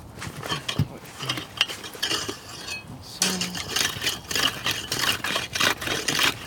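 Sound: sawing through ice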